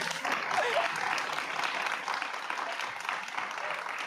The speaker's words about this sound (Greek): Ένα χειροκρότημα!